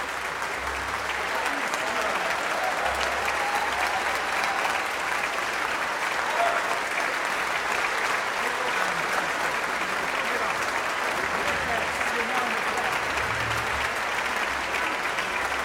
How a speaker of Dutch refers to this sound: Dit is het slotconcert in Tivoli Vredenburg in Utrecht en rechtstreeks op NPO Klassiek in het NTR Avondconcert. Dat gejuich is voor Joey Raukens.